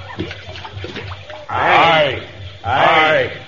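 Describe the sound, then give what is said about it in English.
A string of beads is thrown into a river, making two loud splashes about a second apart, each a hissing, churning burst that fades quickly, after a stretch of quiet low murmuring. “Now we must take something of value and throw it into the river as a sacrifice to the Nia of the water.”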